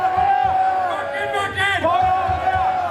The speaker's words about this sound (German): Applaus für ein neues Eheversprechen geht über in Applaus für eine alte Tradition. Wacken, wacken!